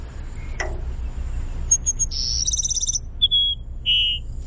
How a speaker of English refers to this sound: The Cassin Sparrow. Let's listen. What? It's just a bizarre burry whistle. Let's listen. That's the Cassin Sparrow.